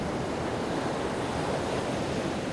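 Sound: ocean surf and wind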